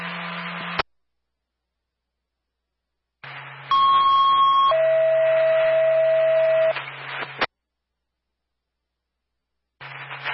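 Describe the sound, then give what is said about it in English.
A fire dispatch paging alert over radio, tones for Sullivan's engine and tanker to respond mutual aid to Stoddard on a first alarm at 1676 Route 9, Carlisle Lumber: a short high tone gives way to a longer, lower steady tone, both loud and piercing above a hissing radio channel that cuts in and out. “Tones for Sullivan, speed for your engine and tanker.”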